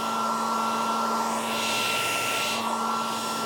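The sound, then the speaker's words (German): A hair dryer runs steadily, a loud continuous airy whoosh with a fixed motor whine, one of the popular baby sleep sounds offered by the company Träumeland. The level stays even throughout, with no voices. “Die beliebtesten Sounds sind aber eigentlich der Staubsauger sowie das Meeresrauschen und der Föhn.”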